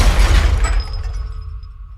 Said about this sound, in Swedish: Människor börjar skrika när bilen skenar och till slut kraschar rakt in i ett skyltfönster.